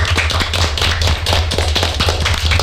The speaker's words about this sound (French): Bravo à vous. Félicitations parce qu'il y a des personnes qui n'aiment pas parler au micro. Vous l'avez fait. Vraiment. Bravo. Vous pouvez vous applaudir, effectivement.